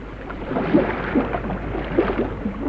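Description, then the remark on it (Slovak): A boat, Captain Ford's ship Irving from San Diego, arrives through water with a steady, rumbling wash and occasional sloshing splashes, continuous, with no voices. “Priplávali až k nám.”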